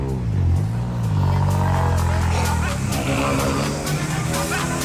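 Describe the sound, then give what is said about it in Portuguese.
A loud rally car, number 6 driven by Miguel Caires, revs up and down in throaty bursts, its pitch rising and falling as it pulls away to go to the rally, with crowd noise in the background. “Sai o número 6 de Porta para ir para o rally, que é o Miguel Caires.”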